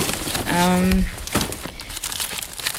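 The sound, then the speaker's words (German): Irregular crinkling and rustling of papers as someone rummages through them in an apartment in Berlin, with scattered crackly bursts and a brief voiced hum near the start. “Ja, ich habe hier meine Papiere, ich muss hier mal ein bisschen kramen.”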